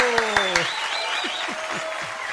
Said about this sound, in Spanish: Gatito, ahí muy bien, pasa, sube, ven por favor, gatito. El aplauso al gatito. ¡Bravo, bravo, bravo, bravo!